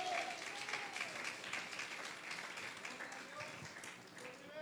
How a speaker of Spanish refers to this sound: ¿Cuántas alaban al Señor? A su nombre, dele fuerte ese aplauso.